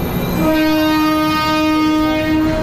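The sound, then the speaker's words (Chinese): A train's horn sounds a long, steady blast over the loud, continuous rumble of rail cars as the train gets under way, filling the whole recording. “火车开动”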